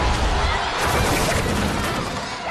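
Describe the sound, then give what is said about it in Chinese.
A loud, chaotic clatter of plastic drink bottles hurled by angry students and crashing down in quick succession, forming a dense, continuous barrage of impacts with no clear pauses. “学生们群情激愤，饮料瓶纷纷砸来。”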